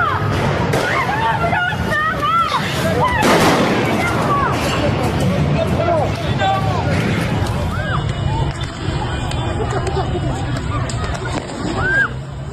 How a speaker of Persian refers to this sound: نیروهای سپاه و بسیجی در حال شلیک. جان سنگی بوشهر، تیراندازی نیروهای امنیتی.